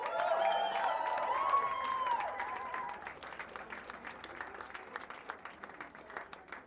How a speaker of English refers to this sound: applause for our backing vocals